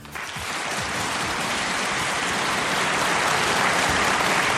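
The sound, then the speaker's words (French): The audience of the live radio show Le Mardix bursts into applause that swells quickly and holds steady, a dense, even wash of many hands clapping at once, loud and sustained with no voices breaking through. “Merci d'applaudir chez vous, devant votre poste.”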